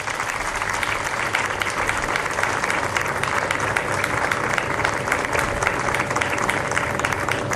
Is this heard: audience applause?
yes